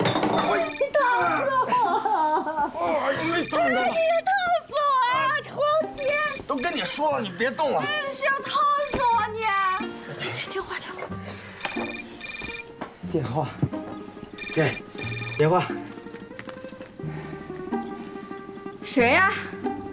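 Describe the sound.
A mobile phone rings with a repeated electronic trill, clear, sounding over a busy stretch of overlapping voices and background noise.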